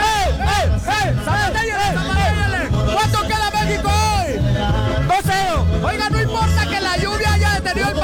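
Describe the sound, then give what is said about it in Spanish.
A crowd of women in Coajimalpa, Mexico, waiting with families for a match to begin after the rain has eased, shouts and cheers loudly and without pause, high overlapping whoops swooping up and down in pitch over a steady low, rhythmic thump of music. “Pero las mujeres gritan fuertemente.”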